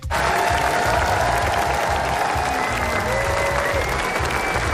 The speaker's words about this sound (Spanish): Aplausos al concluir la proyección de la nueva película del director español, protagonizada por Javier Bardem y Victoria Luengo. Es una de las 3 cintas españolas que optan a la Palma de Oro en esta edición del Festival Internacional de Cine.